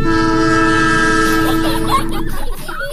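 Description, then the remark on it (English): A loud, sustained train horn blares over the rumble of rolling rail cars, then cuts off, leaving the steady clatter and hum of the moving train. “Broken Arrow Youth Ranch and Southern Prairie Railway invite families aboard for a 10 a.m. ride on the rails.”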